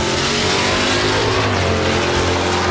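A loud race car engine at Mantorp roars and revs continuously, its throaty drone rising and falling in pitch over a dense, steady background of engine noise.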